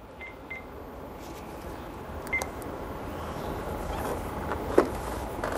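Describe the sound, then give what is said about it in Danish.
A handful of short, separate electronic dialing tones sound at irregular intervals over a steady, noisy background hum as a woman dials a religious authority from a small phone book. No one speaks. “Hun har sådan en lille telefonbog, hvor hun ringer til en religiøs myndighed, en religiøs vejleder.”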